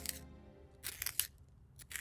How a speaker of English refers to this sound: Sharpening my pencil. It's gonna be nothing but a stub.